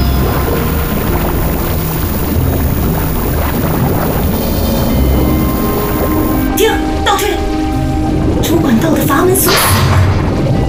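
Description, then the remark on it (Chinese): A deep, continuous rumble fills the whole stretch, then loud explosive blasts burst out partway through and again near the end, crackling and roaring. “爆炸发生有爆炸，地球资源正处于异常狂暴的状态。”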